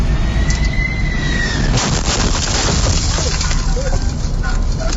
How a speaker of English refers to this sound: The landing gear on a United jet brushed the top of his truck and clipped a light pole. Listen to this. This is the sound from the driver's cam inside the truck obtained by Fox News in Baltimore.